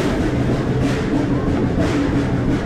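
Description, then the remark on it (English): Train engine number 4 rumbles along its rails as it begins another trip, in a steady, loud, continuous roar with a low droning hum and a gritty mechanical texture that never lets up. “When everybody's on board, the conductor waves to the engineer, and engine number 4 begins one more trip.”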